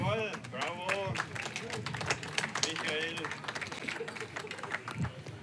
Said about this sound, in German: Und natürlich auch bei der Gewerbegemeinschaft hier in Meidingen, die uns immer Preise und Unterstützung hier in Form von Gutscheinen zukommen lässt, die dann jeder Fahrer bekommen hat. Ich denke, das wäre mal ein Applaus wert.